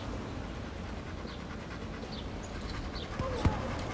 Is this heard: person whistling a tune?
no